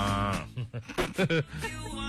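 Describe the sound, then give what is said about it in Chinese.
A person imitates a cow's moo with a drawn-out, low, nasal tone, followed by a few short voiced bursts and another sustained hum, all fairly loud. “此时此刻是非要模仿一下吗？”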